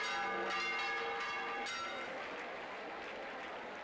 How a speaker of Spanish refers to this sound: Los fieles han procesionado la imagen de la Virgen durante 10 horas entre campanas y lluvias de pétalos.